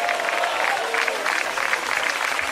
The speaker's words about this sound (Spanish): La iglesia, el Señor dice, como dijo iglesia, denle un fuerte gloria a Dios y un aplauso. Diga gloria a Dios.